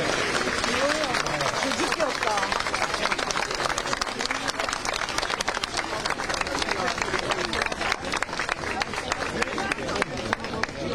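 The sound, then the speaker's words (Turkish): Parents waiting outside an exam venue in hot weather applaud as the exam ends, many hands clapping in a dense, continuous patter that stays loud for the whole stretch, with a murmur of voices and chatter mixed underneath. “Aslında size gelebiliyor mu bilmiyorum ama velilerden de alkış sınav bittiği andan itibaren evet, hepsinde de bir rahatlama görüyorsunuz. Hepsinde bir alkış.”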